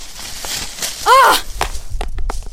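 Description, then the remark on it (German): A short vocal cry rings out, then a smartphone hits a hard floor with a sharp clack, followed by a few quick, lighter clatters as it bounces and settles; its display cracks. “Oh nein, mein Handy. Fuck, das Display ist gesprungen.”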